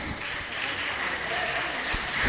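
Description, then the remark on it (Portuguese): A church audience claps together, in praise of Jesus Christ as a preacher is welcomed, in a dense, steady wash of applause that holds at a fairly even level and swells slightly at the end, with a faint voice beneath it. “Com as palmas que louva e glorifica o nosso Senhor Jesus Cristo, aleluia.”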